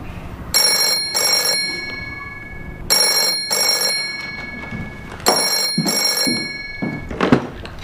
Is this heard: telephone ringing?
yes